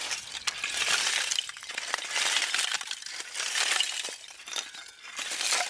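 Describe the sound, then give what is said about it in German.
Pieces of strong, good-quality charcoal are struck together hard again and again without breaking, making a rapid, continuous stream of bright, glassy clinks and rattles, fairly loud, with no voices. “Egal wie doll ich draufschlage, sie zerbricht nicht.”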